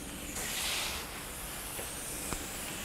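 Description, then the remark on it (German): A zookeeper's shower hose sprays water over tapirs to cool them in a steady, even hiss that swells slightly in the first second, then holds constant, with a single faint tap near the end and no voices. “Carsten Schwendt holt den Duschschlauch.”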